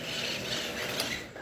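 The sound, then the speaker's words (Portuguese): A free parrot calls close by with harsh, raspy, grating chatter that runs continuously, punctuated by a few brief sharper squeaks. No one speaks. “Tem um papagaio aqui pertinho. Olha o canto dele, tão lindo.”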